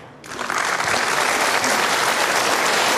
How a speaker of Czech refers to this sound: Děkujeme za ten potlesk.